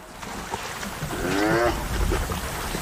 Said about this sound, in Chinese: 在野生动物观赏之旅中，斑鬣狗常会让游客们看到极为震撼的画面。这两只斑鬣狗为什么打架？